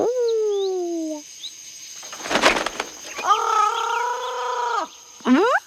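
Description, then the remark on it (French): Parrots squawk loudly: a long, strained call, a burst of rough rustling, then another drawn-out screech and a short sharp squawk at the end. “Et il y a des perroquets.”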